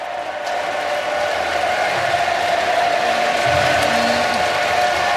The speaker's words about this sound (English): Listen to the chant. Just listen to that for a moment.